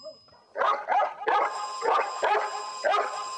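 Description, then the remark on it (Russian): A dog barks loudly at a stuffed owl whose eyes light up together with a ringing bell, about six sharp yaps in quick succession with the faint high ringing tone sustained behind them. “Лает на чучело совы со светящимися одновременно со звонком глазами.”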